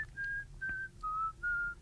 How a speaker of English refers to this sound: The special whistling. It was too classical. Who knows Bach? And I was trying to whistle like Bach.